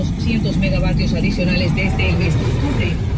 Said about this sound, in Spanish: Fuerte congestión de tránsito en la vía Manta Montecristi por lluvias. Tenemos un fuerte tráfico ahorita a la altura de Pres 2.